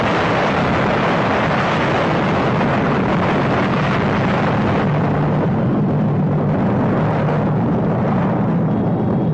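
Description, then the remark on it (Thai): A loud explosion from a jungle thicket that shakes the ground, its rumbling roar rolling on steadily for about nine seconds, a dense, deep, noisy rumble with no sharp break and no voices over it. “เสียงกึกก้องกัมปนาทก็แผดบึ้มสนั่นวันไหว”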